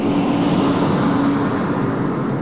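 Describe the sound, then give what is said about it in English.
A steady engine rumble with a faint droning hum of buses pulling up at a dementia care facility in a burned area, bringing residents and patients back, continuing without a break and with no voices. “Some buses just pulled up and they're bringing the residents and patients back in here, right kind of in the middle of a burned area.”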